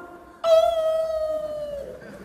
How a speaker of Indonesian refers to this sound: Kenapa kalau azan berkumandang suara anjing melolong? Karena anjing-anjing melihat setan pada kabur.